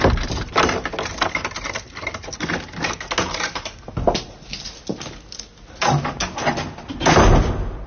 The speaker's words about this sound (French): Ça donne drôlement envie d'aller dans le domaine de Georges Sand à Nohant, d'ouvrir les portes de la maison.